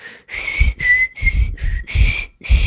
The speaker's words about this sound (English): I wish I could whistle like that. Listen to this.